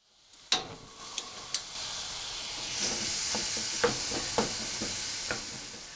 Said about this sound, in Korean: 냄비를 아직 불에 올려놓지 않았지만 냄비바닥에 예열이 남아있어 다진 고기의 색깔이 점차 희게 변하는데 바닥에 붙은 것을 떼어내는 식으로 휘저어가면서 볶아줍니다.